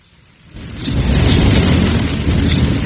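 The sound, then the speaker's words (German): A severe thunderstorm: a low rumble of rolling thunder swells in after a quiet start and stays loud and continuous, with a steady hiss of rain across the whole sound, and no voices. “Du, die Gewitterwolken ziehen ab, Vater.”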